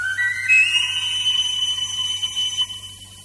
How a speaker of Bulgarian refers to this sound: Чакай само да си извадя свирката.